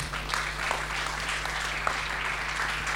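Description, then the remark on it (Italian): A crowd applauds steadily for the whole stretch at a plaque presentation to the National Carabinieri Association's regional civil protection unit of Liguria, a dense patter of many hands clapping, with a faint low hum underneath. “Eccoci qua, ci siamo, un bel applauso.”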